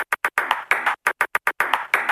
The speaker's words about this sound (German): Dann interessieren Sie sich entweder für Morse-Tischtennis